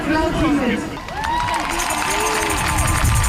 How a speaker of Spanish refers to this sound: Ambiente de esta tarde en la Plaza de la Catedral, justo delante del Parlamento Estatal. La gente frente a un escenario aplaudiendo los discursos contra Alternativa para Alemania.